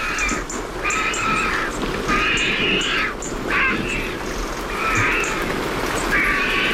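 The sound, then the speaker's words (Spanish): Vultures drying their feathers after a downpour cackle near dusk as a storm moves off toward Gredos, harsh, raspy bursts that come roughly every second, fairly loud, over steady outdoor background noise with no one talking. “y al fondo se están secando las plumas, los buitres. Ahí están. Con ese cacareo y una garza real.”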